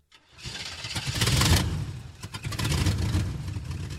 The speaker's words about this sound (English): The truck left, carrying the man with the fedora.